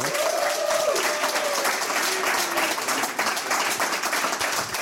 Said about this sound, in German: Bitte begrüßen Sie mit einem herzlichen Applaus